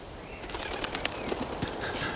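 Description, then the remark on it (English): Geese call out in a few short, rough honks while wings beat in quick bursts as more geese fly in, all over a steady wash of background noise. No voices are heard. “More geese heading in.”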